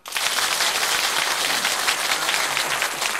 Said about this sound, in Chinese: 好，请大家鼓掌。